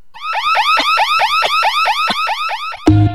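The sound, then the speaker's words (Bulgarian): A loud electronic alarm wails in rapid, repeating rising sweeps, cycling steadily for about three seconds before cutting to a brief different tone at the end. “МДН обезбедување нуди физичко и патрулно обезбедување, како и 24 часа мониторинг услуги со најсовремени аларми системи од израелско потекло.”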